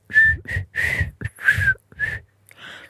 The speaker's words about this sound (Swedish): Och det här är om du kan vissla eller inte.